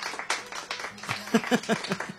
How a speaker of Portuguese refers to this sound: 2 anos do programa Sertão Evangélico. Eu quero ouvir os aplausos